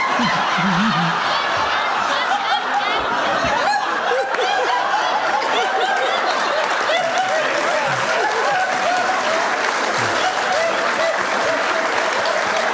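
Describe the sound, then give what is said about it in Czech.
A live audience claps steadily in a dense, sustained wave of applause, mixed with scattered laughter, filling the room for the full stretch without letting up. “Tady se smějete a tleskáte, v Hodoníně nesmál se nikdo.”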